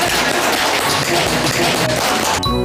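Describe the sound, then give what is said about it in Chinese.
A crowd applauds loudly and steadily, a dense wash of many hands clapping at once that carries on without a break for a couple of seconds before thinning out at the very end. “是的嘛，这就很好嘛，鼓掌，来来来来来。”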